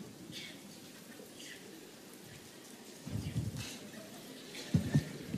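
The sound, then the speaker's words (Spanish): A crowd claps one finger against another, then two and three fingers, imitating rain: a soft, scattered patter, steady and faint at first, then swelling into denser, louder bursts of clicking as the rain grows heavier. “Aplaudan con un dedo contra otro dedo lo más fuerte que puedan así.”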